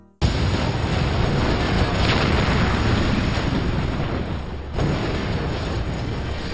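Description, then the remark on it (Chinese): The ship Buchanan explodes, bursting in suddenly with great force and becoming a loud, sustained rumbling roar that fills the whole clip, with a brief dip partway through before the roar continues. No voices. “布坎南号爆炸时发出了巨大的冲击力和轰鸣声”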